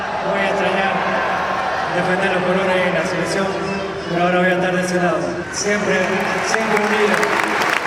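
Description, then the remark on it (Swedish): About 85,000 people in a stadium applaud and cheer to thank Leo Messi at his last match with the Argentine national team, a steady, loud roar of clapping, with many voices swelling together in a sustained wash of sound that never drops away. “Och nu ska han tackas av här av de här 85 000 människorna som har samlats här på stadion.”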